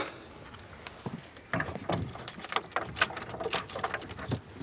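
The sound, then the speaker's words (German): Keys jingle and scrape in a lock, followed by clicks and knocks as a slightly sticking door is worked open, moderately loud with irregular metallic rattles. “Und die Tür einklemmt ein bisschen.”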